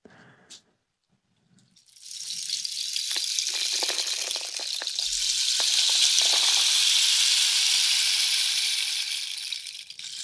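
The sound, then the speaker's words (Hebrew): A rain stick, played in a studio in front of a binaural dummy head with microphones in both ears, pours out a steady, bright hiss of tiny pattering grains, swelling gradually over several seconds and then easing slightly, with a few sharper ticks scattered through it. No one speaks. “אולי ממקל גשם ככה.”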